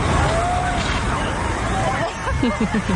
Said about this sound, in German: Wir würden jetzt einen Wassernebel rechts über den Gehweg auf die Wiese abgeben. Wenn Sie möchten, dürfen Sie sich gerne in den Frühling wieder reinstellen. Das ist sauberes Wasser, Wassermarsch.